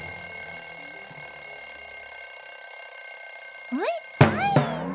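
A clock rings to mark exactly noon and lunchtime, with a steady, high-pitched electronic tone that holds throughout, then a few quick rising chirps and sharp accents break in near the end.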